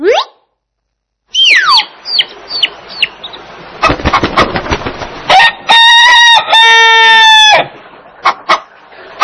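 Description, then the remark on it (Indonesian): A rooster crows loudly on a farm, a long harmonic cock-a-doodle-doo near the end, preceded by sharp clucks and scratchy farmyard noises, with no talking. “Ini ayam jantan. Suara ayam jantan indah sekali.”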